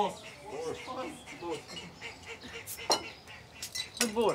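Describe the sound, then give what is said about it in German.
Lively chatter from a group of people seated at a table for a traditional communal farewell dinner, with a few sharp clinks of cutlery and dishes cutting through the murmur of voices. “ja, jetzt gibt es noch so ein kleines Abschiedsessen für alle.”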